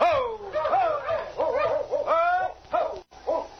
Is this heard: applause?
no